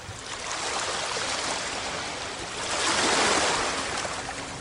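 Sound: ocean waves crashing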